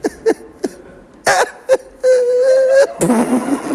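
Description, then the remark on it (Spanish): A man cries: a few short, gasping sobs, then a loud, drawn-out wailing moan that breaks into ragged, breathy sobbing at the end. “Con los llantos, chiquillo, ¿qué te pasa?”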